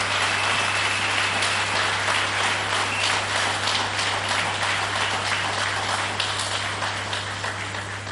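A big round of applause from a crowd for young members of the Defence and Security Forces: dense, steady clapping that holds for about eight seconds and eases slightly toward the end, with a low constant hum beneath and no voices.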